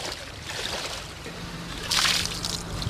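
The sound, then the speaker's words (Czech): Continuous sloshing and churning of water as someone wades barefoot through knee-deep, icy floodwater with a current in České Budějovice, with a louder, brighter splash about two-thirds of the way through. “Vstříc českobudějovické povodni. Nevím, jaký to je pocit v gumákách, Honzo, ale bosky je to pěkná ledovka.”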